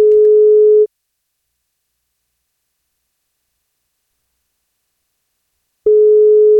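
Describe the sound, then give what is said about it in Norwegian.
A telephone ringback tone on an outgoing call placed by NFM radio to a listener on her 30th birthday: two steady electronic tone bursts, one at the start and one near the end, separated by a long stretch of silence. “Vi ska pröva att ringa”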